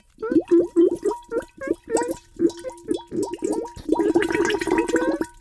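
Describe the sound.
A voice imitates bubbling as the character Bubbel making B-bubbles, with a quick, rhythmic string of wet, popping blips. It speeds up into a dense, burbling flurry near the end. The voice is fairly loud.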